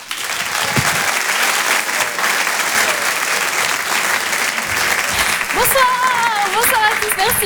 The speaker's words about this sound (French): Je vous demande d'applaudir chaleureusement s'il vous plaît